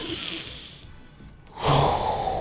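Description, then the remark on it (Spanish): A single deep breath: a long, airy inhale followed by a brief pause, then a fuller, louder exhale, with no talking. “Respire a ver qué tal.”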